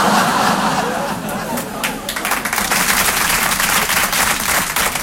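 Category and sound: crowd, audience applause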